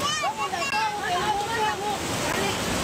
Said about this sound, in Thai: แล้วกระแสน้ำแรงมากนะครับคือมีแต่ครูกับเด็กตัวเล็กประมาณ30ชีวิตที่ยังช่วยเหลือตัวเองไม่ได้นะฮะต้องเกาะไหล่กันแบบนี้นี่คือภาพเหตุการณ์ที่ตำบลปออำเภอเวียงแก่นจังหวัดเชียงรายนะครับ